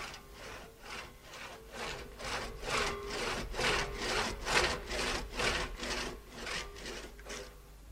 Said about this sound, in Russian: Семен пилил и утешал себя, уговаривал, дескать, зачем раненому дереву истекать соками и медленно гибнуть.